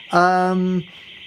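A car alarm blares outside, a single loud, buzzy horn blast lasting under a second over a steady high-pitched whine that keeps going afterward. No one speaks.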